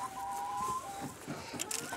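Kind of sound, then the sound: animal, hen clucking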